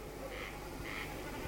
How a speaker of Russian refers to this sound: Дневной хор замолк, и теперь слышатся ночные голоса соседнего луга. Наперебой кричат коростели, и время от времени, вибрируя перьями хвоста на лету, блеет барашком бекас.